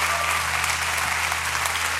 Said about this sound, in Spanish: Un mejor aplauso a Dios. Fuerte, fuerte para Él.